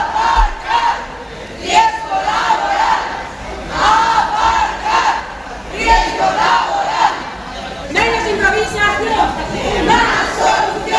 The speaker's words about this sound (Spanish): Los manifestantes, convocados por la Junta de Personal del Hospital, han coreado gritos como estos.